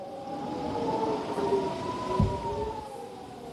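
Air raid warning sirens in several towns in northern Israel, sounding as rockets are launched from Lebanon, wail in long, overlapping rising and falling tones, a steady mournful drone with a low rumble underneath and a brief thud midway; no one speaks.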